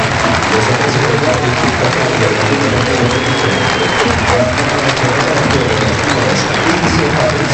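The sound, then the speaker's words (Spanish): The stadium crowd at the Heliodoro gives a sustained ovation to Tenerife captain Aitor Sanz as he is substituted: dense, steady applause and clapping mixed with a broad roar of voices, loud and unbroken from start to finish. “Ovación para el capitán.”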